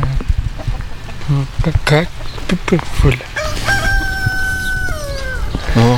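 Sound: hen clucking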